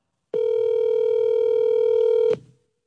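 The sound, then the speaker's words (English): A phone's ringing tone sounds as one steady, clear electronic beep lasting about two seconds before cutting off, loud with no voices, as a call is placed to the caller's wife. “Hold on, let me call my wife real quick. I got my phone here.”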